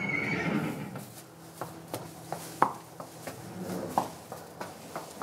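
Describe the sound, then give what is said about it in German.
A Haflinger horse whinnies at the start on Hof Serafin in Berlin near Bad Segeberg, a farm breeding Haflingers and selling their milk. The call fades out, followed by scattered sharp hoof knocks and thuds at an uneven pace. There is no talking. “Seit über 25 Jahren verkauft die Familie auch die Milch ihrer Pferde.”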